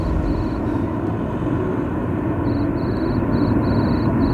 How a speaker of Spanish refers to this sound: El grillo suena, lo aprecian ustedes porque ya estamos en la calle, es el recreo, está tasado, son apenas 7 minutos, no mucho más.